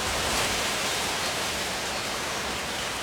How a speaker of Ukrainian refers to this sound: Одного дня налетів сильний вітер.